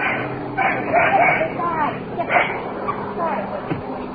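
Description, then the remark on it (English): A dog that has just been woken barks in several short, sharp bursts spread across a few seconds, over a steady background of low noise. “Oops. Woke the dog. You're a little late, fella.”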